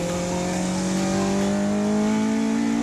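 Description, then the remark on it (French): A Honda engine with a straight-through exhaust revs hard toward 9,000 rpm, a loud, steady buzzing roar whose pitch climbs gradually as the revs build. No talking. “un moteur Honda qui prend des tours de malade”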